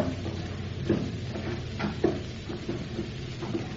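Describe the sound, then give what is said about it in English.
A wooden trap door is hauled open with a few dull knocks and creaks over a low, steady rumble, fairly quiet, with no voices. “Here is the trap door.”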